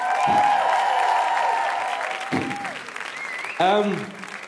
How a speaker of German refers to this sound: Und für … auch noch bitte einen Applaus.